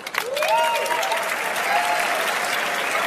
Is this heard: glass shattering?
no